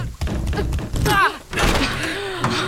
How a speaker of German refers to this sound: Na, die Tür geht nicht auf. Dann drück fester, die war letztes Mal auch offen. Ich drück ja schon.